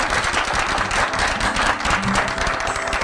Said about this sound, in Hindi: तालियां बजाइए।